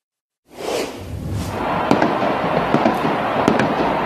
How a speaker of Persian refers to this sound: بینندگان ایران اینترنشنال، تصاویر زنده میبینیم از بوینس آیرس در آرژانتین و هواداران فوتبال که در حال جشن و پایکوبی و آتشبازی هستند در یکی از میدانهای این شهر.